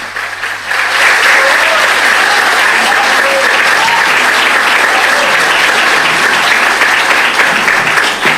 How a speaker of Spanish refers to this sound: Vamos a aplaudirlo mientras llega aquí al atril.